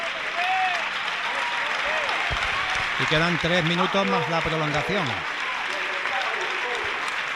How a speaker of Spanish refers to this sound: Bueno, pues se va Jota y entra Barbu. Jota que se lleva la ovación.